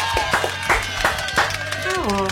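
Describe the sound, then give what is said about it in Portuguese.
A handful of sharp, uneven claps ring out in applause for footballers Dodô and Dentinho, mixed with voices and sustained tones, ending on a falling pitched sound. “Uma salva de palmas para Dentinho!”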